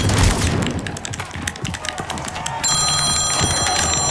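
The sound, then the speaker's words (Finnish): A phone starts ringing partway through as a mother calls, a steady electronic ringtone cutting in over a loud, busy background full of clattering hits and low booms. “Mutsi soittaa.”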